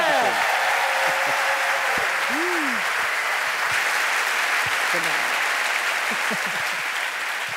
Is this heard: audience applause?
yes